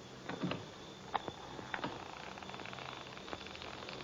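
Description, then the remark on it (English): The door of a country house creaks open with a few short squeaks and clicks from the hinge and latch, fairly quiet, with a low background hiss and no voices. “So I was wrong. But who opened it?”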